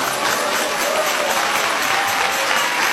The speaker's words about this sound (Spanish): Dale ese aplauso a Jesús. Dale ese aplauso a Cristo.